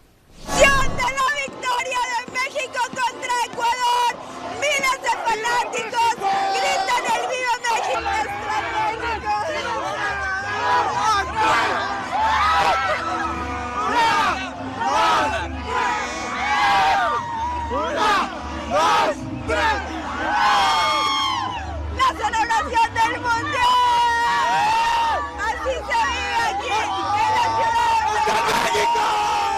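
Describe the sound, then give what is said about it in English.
Mexico football fans celebrate outside the stadium after Mexico beat Ecuador 2-0 to reach the Men's World Cup Round of 16, in a loud, dense crowd, shouting, whooping and chanting over one another without pause, with a low droning rumble joining in partway through. “And CNN's Valeria Leon was with fans outside the stadium.”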